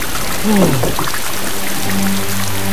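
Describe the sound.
Steady rain hisses throughout at a constant, fairly loud level, while a voice briefly calls out early on and a low droning hum joins near the end.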